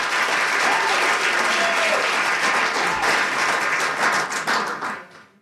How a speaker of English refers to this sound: But how about a round for applause for our, there we go. That's what we're talking about.